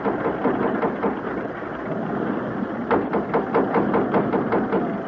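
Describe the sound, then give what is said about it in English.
Ship engines race with a loud, dense mechanical roar that turns into a rapid, regular pounding rhythm partway through, steady, with no voices, as the ship runs into a storm. “Those engines sound like the stern's coming clean out of the water.”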